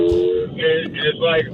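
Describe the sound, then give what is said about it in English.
A voice imitates a Hellcat muscle car engine revving: a steady low drone followed by two loud, rasping revs that rise and drop in quick succession. “Is that your engine right now, or are you doing your own phone taps? Because it sounds like sound effects.”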